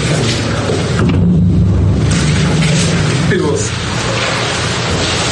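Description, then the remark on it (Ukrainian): Artillery shelling explosions in Mariupol on the night of 24 February 2022 as Russian troops begin massive shelling of the city. The explosions rumble heavily and continuously, a loud, dense wall of deep booms and roaring low noise with no quiet gaps, overlapping one another. “Маріуполь здригнувся від перших вибухів.”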